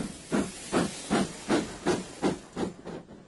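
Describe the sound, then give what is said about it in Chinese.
A steam train at Liuyuan railway station in Gansu, China, puffs out rhythmic bursts of hissing steam, about eight evenly spaced chuffs in quick succession, steady, with no voices. “经过三天的旅程，程子妍他们到了甘肃柳园火车站”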